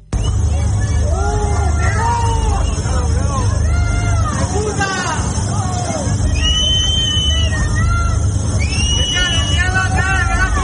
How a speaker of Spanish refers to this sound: estos vecinos que le están gritando a Pedro Sánchez y que se han visto afectados